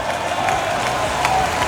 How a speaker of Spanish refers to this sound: Aquí alguien me dice que quede claro que ganó Colombia. El aplauso es para los jóvenes de Colombia.